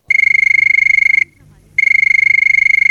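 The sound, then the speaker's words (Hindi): A telephone rings as the first caller calls in to a talk show, two long electronic bursts, each a rapid, buzzing trill at a steady high pitch, separated by a short pause. The ringing is loud and clear, with no talking. “तो मुझे सुनाई दे रही है फ़ोन की घंटी और देखते हैं कि कौन है हमारी पहली कॉलर।”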